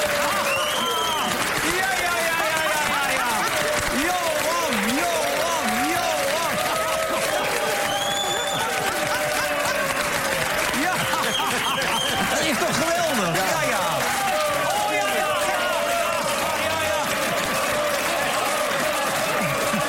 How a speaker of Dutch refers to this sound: Even, dames en heren, even een applaus voor Johan Derksen.